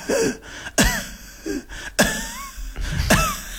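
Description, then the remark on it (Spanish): A person imitates a dog's short, low lung cough, repeating clipped, raspy bursts about three times with brief breaths between, fairly loud, with no talking. “Y luego tenemos la tos de pulmón, en la que es una tos mucho más baja y más cortita.”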